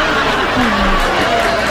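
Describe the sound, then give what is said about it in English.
A crowd laughing and murmuring together, a dense wash of overlapping chuckles and chatter that stays steady and fairly loud for under two seconds. “That's like the sound of a guy that, like, no, that's drunk and tripped on stage, and the crowd's like laughing at him.”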